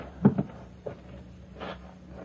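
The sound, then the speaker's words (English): A house door is opened quietly: a couple of soft clunks from the latch and handle, a light knock, then a brief airy swish as it swings. No one speaks. “Now out the other door.”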